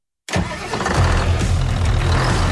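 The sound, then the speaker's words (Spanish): A New Holland tractor engine cranks and catches abruptly after a brief silence, then settles into a loud, steady diesel rumble with a deep low throb, heard alone. “Si buscas un tractor fuerte, eficiente y listo para cualquier terreno, elige New Holland.”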